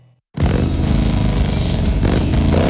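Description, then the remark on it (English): A Harley-Davidson motorcycle engine roars to life after a brief moment of quiet, revving loudly with a deep, throaty rumble that holds steady and strong throughout. “Your Harley deserves a dealership that loves motorcycles as much as you do.”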